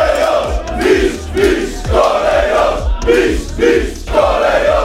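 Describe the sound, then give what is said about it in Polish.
A large crowd of Lech Poznań football fans chants and cheers outside the stadium on Bułgarska Street in Poznań, welcoming the players after the Polish championship win, in rhythmic bursts with steady thumping beats, maybe drums or stamping, under the loud, continuous roar of many voices. “Kibice po meczu nie ukrywali radości, a pod stadionem przy Bułgarskiej zorganizowali piłkarzom powitanie.”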